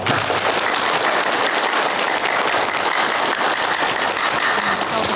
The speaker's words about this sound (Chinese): 接下来，让我们以最热烈的掌声庆祝这对新人的结合。